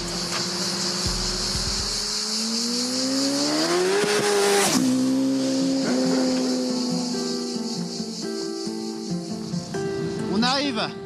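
A car engine roars under full throttle on a short stretch of road closed off for a run. Its pitch climbs steadily through the gears with brief dips at each shift, loud and continuous, with a faint tire squeal near the end.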